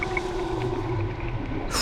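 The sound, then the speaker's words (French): A dolphin vocalizing underwater as it dives down toward the bottom: a couple of short high chirps at the start over a steady low droning hum, then a sudden bright hiss of bubbling at the very end. No one speaks. “Le dauphin vient de plonger et descend vers le fond.”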